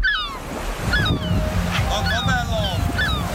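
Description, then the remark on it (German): Steady roar of surf washing onto a sea beach on a family day out, with bright chirping calls, likely gulls, cutting in repeatedly above the continuous rumble of the waves. “wir nehmen euch jetzt mal mit an den Strand. Ja, so ein richtiger Familientag am Meer.”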